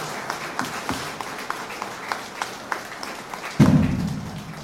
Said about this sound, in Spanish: Nuevamente un fuerte aplauso a la Madre de Dios, que es nuestra Madre.